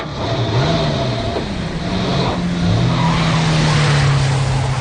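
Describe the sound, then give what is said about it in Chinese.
A truck engine pulls away, its loud low drone climbing in pitch through a couple of gear changes over steady road and tire noise, with no voices. “半个小时以后，少长带着四个战士和池田、廖飞一起乘着卡车上了路。”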